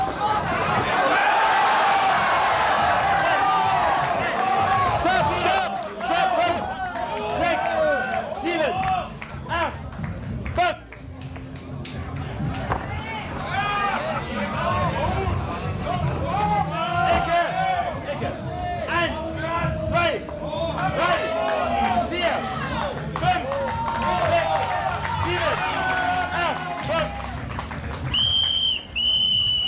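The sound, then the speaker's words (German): A large boxing crowd roars and cheers loudly and continuously for half a minute, with many voices shouting over each other and a few sharp whistles near the end. “Dann, wenn es natürlich zum Niederschlag kommt, dann ist die Explosion da.”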